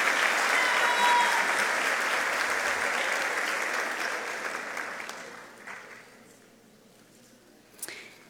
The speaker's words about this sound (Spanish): Felicitamos a la representante del premio Versión Administrativos 2026. Fuertes los aplausos para ella.